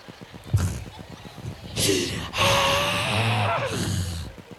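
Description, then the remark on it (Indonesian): A voice imitates the strained, breath-holding gasp of a mother sucking in her belly for a photo at a wedding party: a sharp intake followed by tight, breathy straining sounds with a held, wheezy quality, moderately loud, with no words spoken. “Mending fotonya bagus, yang ada sesak nafas, bunda teh nahan perut terus, enggak tenang hidupnya.”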